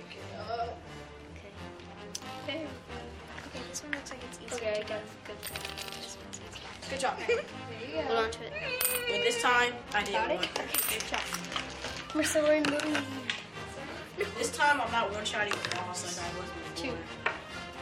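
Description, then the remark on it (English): Small metal gold coins clink and clatter repeatedly at an irregular pace, some sharp, as players pass them to one another with chopsticks and deposit them in a treasure chest, over a steady bed of busy background noise with people talking. “Our two teams will retrieve gold coins from the pirate ship, passing them from player to player until all the coins are safely deposited in the treasure chest.”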